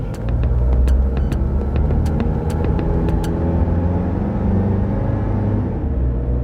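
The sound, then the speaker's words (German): A car engine rumbles steadily, with a few sharp clicks early on. The driver puts the car into first gear and it drives off at a low, even drone. No one speaks. “Dann hat er dieses Bündel ergriffen und kam dann sehr zügigen Schrittes zu uns ins Auto, hat sich reingesetzt, auf den ersten Gang eingelegt und weg.”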